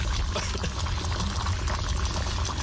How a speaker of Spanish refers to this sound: Esta agua está en qué, en su ebullición, ¿cierto? Está hirviendo, un agua hirviendo.